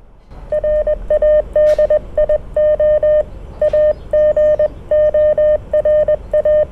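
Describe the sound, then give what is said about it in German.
Morse code from an amateur radio transceiver spelling out 'Radio Agora', sent as a steady mid-pitched beeping tone, keyed in quick bursts of short and long beeps over a low hiss, with a couple of faint clicks between groups. “Das war jetzt Radio Agora in Telegrafie.”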